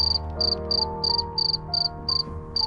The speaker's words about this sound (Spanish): Cuentan cuántos cri-cri hace un grillo durante 8 segundos, intenta contar cuántos cri-cri hace un grillo durante ese tiempo, le sumas 5 y tienes los grados centígrados exactos que hace en ese momento.